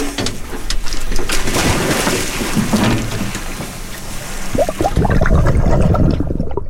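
Heavy splashing and churning sea water, loud, with a fresh burst of splashes toward the end as the Samish dive team go overboard from a research boat with sunflower sea stars to release.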